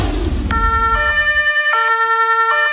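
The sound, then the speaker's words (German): A huge fire engine's two-tone siren blares loudly in Tulln, Lower Austria, its pitch alternating between a higher and a lower note in a steady rhythm, following a brief low rumble at the start. No one speaks. “Ich stehe vor einem riesen Feuerwehrauto”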